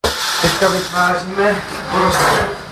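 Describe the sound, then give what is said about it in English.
A surgical drill grinds and rasps in steady bursts into the middle of a sheep's metacarpal bone, drilling out a small piece of bone to test a bone glue, at a university hospital in Brno, with a voice murmuring faintly underneath. “We drill out a small piece of bone so that we can test the glue and then glue the piece back into place.”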